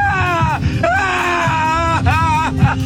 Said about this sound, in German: Da gibt es diese Szene, in der Odysseus, gespielt von Matt Damon, beim Sirenengesang schreien muss.